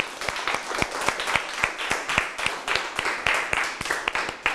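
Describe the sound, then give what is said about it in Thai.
A group of people in a classroom applauds for the lucky winners, many sharp claps overlapping into a dense, continuous patter that holds at a moderate level for several seconds with no one speaking. “เราจะปรบมือให้กับผู้โชคดีของเราค่ะ”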